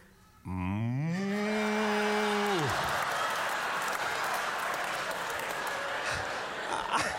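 A single long, loud cow moo swells up, holds steady, then drops away after about two seconds, with a rush of crowd applause and noise rising underneath and continuing afterward.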